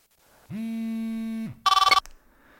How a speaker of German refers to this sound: Als aber das Handy gleich danach erneut klingelte, wusste ich bereits, was für eine Nachricht ich nun bekommen würde.